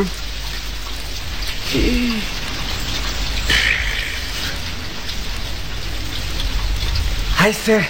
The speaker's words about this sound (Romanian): Ce ne face în joianul, tată, că vine furtuna și ne-a prins taman aici, în mijlocul pădurii?